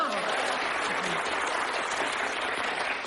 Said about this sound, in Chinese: 我们领导说了，这里是长时间鼓掌。